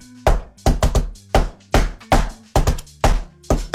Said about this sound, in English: Extravagant knocking, that, wasn't it? Flipping it, man, I'm in the middle of a show here. Who is it?